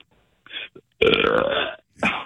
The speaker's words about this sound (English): Is there any way that you could give me a good belch?